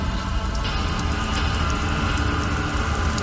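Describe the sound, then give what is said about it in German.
Steady rain pours down, a dense, continuous hiss of drops drumming on surfaces, fairly loud with no voices, holding an even intensity throughout. “Leute blickten aus dem Fenster in den regennassen Himmel”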